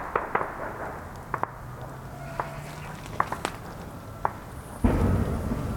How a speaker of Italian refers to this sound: Sentiamo sparare i droni.